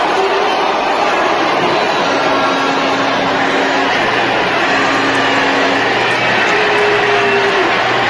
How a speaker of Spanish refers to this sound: La están abucheando. La están abucheando. Es un abucheo grande, ¿eh?